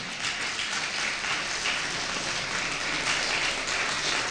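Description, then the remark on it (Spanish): An audience applauds a young brother of the audience steadily, a dense, even wash of many hands clapping at a sustained loud level for several seconds with no voices standing out. “Dale un fuerte aplauso.”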